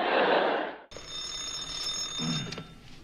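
An old-style telephone bell rings loudly with a sustained metallic jangle, then cuts off and is followed by a quieter room tone with a steady high electronic tone and a brief soft rustle.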